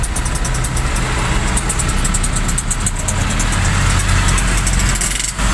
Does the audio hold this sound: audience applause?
no